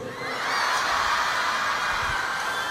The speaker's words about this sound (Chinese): 最后一首歌曲通常呢，都会听到一点尖叫声哦。